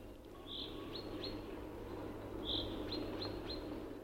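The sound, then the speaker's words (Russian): Chaffinches sing in a forest in April, two short bright song phrases of quick notes ending in sharp chirps, over a steady low rumble of background noise. “С утра до вечера в лесу заливаются зяблики.”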